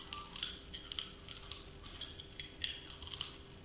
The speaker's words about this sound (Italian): Il rumore di caramella nei denti.